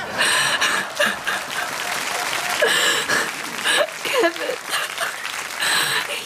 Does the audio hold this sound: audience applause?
yes